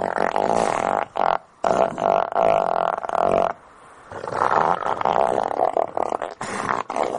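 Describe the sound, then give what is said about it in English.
Deep, rumbling, fart-like grunts from elephant seals in Antarctica, loud, coming in long sputtering bursts separated by brief pauses, with no talking. “Elephant seals in Antarctica, they sound like farting.”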